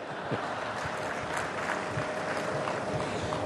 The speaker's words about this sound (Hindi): 20 करोड़, आपको लगता होगा कि मोदी जी ने गलती कर दी, 20 लाख को 20 करोड़ बोल दिया. इधर ताली बजाने में देर हो गई.